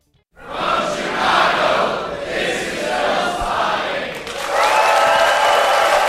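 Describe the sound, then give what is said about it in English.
A packed crowd at the Music Box Theater in Chicago, at a 25th anniversary screening of The Royal Tenenbaums, cheers and applauds loudly and continuously, a dense wash of clapping and shouting voices that swells into a brighter, louder roar near the end. “That was the packed crowd just this past Sunday at the Music Box Theater in Chicago, there to close out Film Spotting Fest.”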